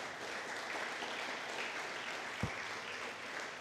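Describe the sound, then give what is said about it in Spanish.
A church audience applauds for Christ steadily, many hands clapping in a dense, even wash of sound for several seconds, with one brief low thump partway through. “Aplauso a Cristo, aleluya.”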